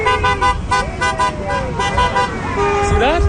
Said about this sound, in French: Vous voyez, le conducteur qui vient me klaxonner est philippin.